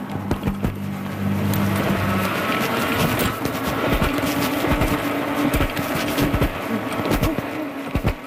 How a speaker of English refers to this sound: Wow, the sound of a cyclist taking off on their e-bike. And e-bikes are becoming more common sight on streets across New Brunswick.